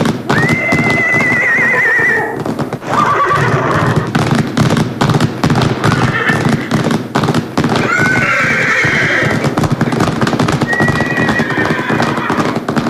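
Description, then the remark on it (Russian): A wild herd of horses: several horses whinny loudly and repeatedly over a dense, continuous pounding of hooves as the herd gallops close by, with shrill neighs rising again and again throughout. “Неподалеку появился дикий табун лошадей.”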